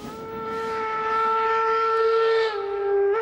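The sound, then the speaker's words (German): A steam locomotive on a museum railway run by the Museumseisenbahnclub Losheim through the Hochwald in Saarland, Germany, blows its whistle in one long, steady, loud note with a rich, reedy tone, dipping slightly in pitch near the end, over a hissing background rush. “Nur, dass die Loks heute im Museumsbahnbetrieb durch den Hochwald schnaufen.”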